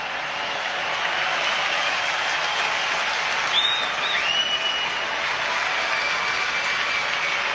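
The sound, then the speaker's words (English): A large stadium crowd at a Cubs versus Blue Jays baseball game cheers on a full count, with the Blue Jays down to their last strike, in a steady, loud, continuous roar. A brief rising whistle cuts through partway in, and no one speaks. “Full count. Crowd making noise.”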